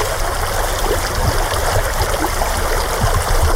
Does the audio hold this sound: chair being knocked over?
no